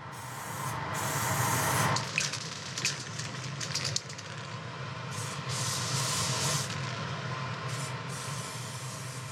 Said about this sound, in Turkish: Öylece spreyliyorum o zaman. Evet. Spreyliyorum ben.